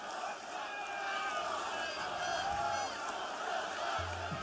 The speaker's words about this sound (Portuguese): já quero agradecer à organização do Sol da Caparica. Uma grande salva de palmas, faz favor.